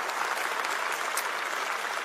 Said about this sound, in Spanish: Un aplauso al Señor por la palabra. Vamos, fuerte, fuerte.